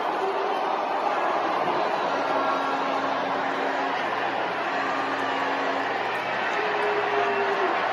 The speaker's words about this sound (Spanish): Ahí la están abucheando. La están abucheando. Es un abucheo grande, ¿eh?